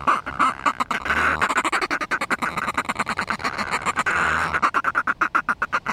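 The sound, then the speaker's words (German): Northern fulmar calls: a loud, harsh, rapid cackling chatter of repeated throaty pulses that runs for several seconds, with brief pauses between bursts and no voices. “Insgesamt ist der Eissturmvogel jetzt nicht gefährdet. Das ist schon der häufigste Ozeanvogel im Nordatlantik.”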